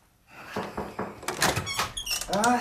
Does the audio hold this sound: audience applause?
no